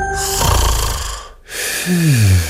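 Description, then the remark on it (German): Loud snoring in two long breaths: a rough, rattling inhale, a brief pause, then a second snore that ends in a low, sliding, drawn-out rumble. “Schlafmützen aufgewacht!”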